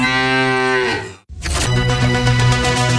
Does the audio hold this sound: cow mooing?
yes